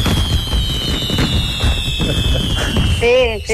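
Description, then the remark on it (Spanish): A dense, loud string of firecrackers for Sunday's pyromusical fireworks show at the main town festival, being test-fired from the beach, pops and crackles continuously, with a high thin whistle running over the bursts and rising whistling tones near the end. “Es que estamos probando también los petardos del piromusical del domingo, de la fiesta mayor, y es para ver si sonaban bien.”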